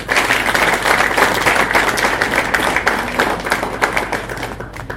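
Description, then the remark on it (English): An audience claps steadily to welcome the Honourable Member Kemani, MP for Molo, a dense, sustained burst of applause that stays loud throughout before thinning slightly near the end, with no voices standing out. “Join me, please, in welcoming the Honourable Member Kemani, the MP for Molo.”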